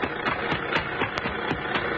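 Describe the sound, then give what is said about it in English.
A car engine idles with a steady rumbling drone, marked by quick, evenly spaced ticking pulses about four times a second. The sound holds at a constant level with no voices. “Stop that car, huh?”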